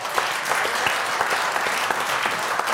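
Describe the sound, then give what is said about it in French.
A crowd claps steadily for the show's decoders, a dense wash of many hands with scattered sharper claps standing out, sustained at an even level for the whole stretch with no voices. “On peut déjà applaudir nos décodeurs.”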